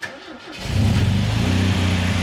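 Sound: car engine starting up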